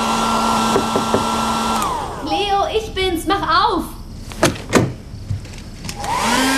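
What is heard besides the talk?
hair dryer blowing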